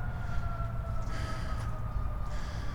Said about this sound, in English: So, sounds like there's emergency vehicles on West Maple Road.